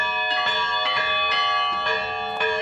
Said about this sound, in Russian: Сын любит не только в колокола звонить, но и на службы ходить и своему отцу помогать.